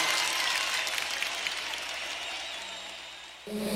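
Dense, steady applause from a crowd, a thick wash of clapping that slowly tapers off over about three seconds before it cuts to a different sound right at the end.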